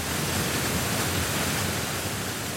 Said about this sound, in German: Auch wenn heutzutage vieles nicht mehr von Hand geschieht, wenn das Wasser nach unten donnert, die Gischt nach oben spritzt, dann ist immer noch die Faszination da für dieses Bauwerk und für die Kraft der Natur, auch nach 100 Jahren.